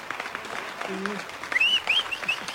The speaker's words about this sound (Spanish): Esto merece un aplauso para usted